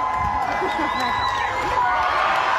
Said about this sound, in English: With his dad encouraging him and wading in the water below, the boy finally takes the leap, sending the crowd into a huge celebration.